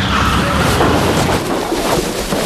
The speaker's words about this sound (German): Oh, was war das denn? Ein Auto. Es ist hinter uns hergefahren. Und in den Heuwagen gekracht. Meine Güte, das ganze Heu ist auf das Auto gerutscht.